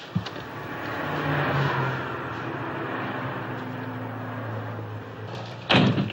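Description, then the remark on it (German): A car door clicks open at night, followed by several seconds of low rumbling engine and road noise, then a loud slam near the end. “Er öffnet die Wagentür.”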